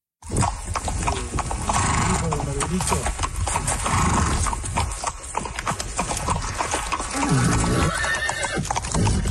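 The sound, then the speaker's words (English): A horse whinnies with rising, wavering cries while hooves clip-clop steadily underneath, a busy, dense mix of neighs and hoofbeats that stays loud throughout; the sound of a horseback journey along the whole length of the Americas, from the southern tip of Argentina to Alaska. “The 30-year-old Canadian is hoping to do something very few others have done, travel the whole length of the Americas, from the southern tip of Argentina all the way up to Alaska, on horseback.”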